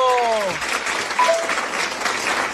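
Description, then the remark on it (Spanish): Steady applause from a group, a dense, even wash of clapping that holds for the whole stretch, with a brief high voice-like tone at the start and a short squeak midway. “Porque aplausos.”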